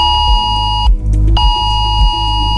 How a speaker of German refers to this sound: Auch zwischen Chiemsee und Königssee haben vor etwa einer halben Stunde plötzlich viele Handys Alarm geschlagen.